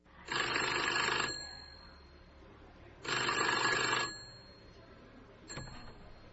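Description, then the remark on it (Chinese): A restored 1910 American-made telephone's mechanical bell rings in two long, loud bursts of rapid metallic clanging, each about a second long, followed by a brief clunk as the handset is lifted. The phone has a wooden stand and metal bell, handset and speaker horn. “这就是1910年美国生产的这样一部电话机，这个架子是木质的。”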